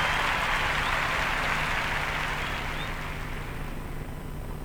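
An audience applauds the Filarmónica de Mendoza orchestra in a steady, dense wash of clapping that holds for several seconds and gradually eases off toward the end, with no voices over it.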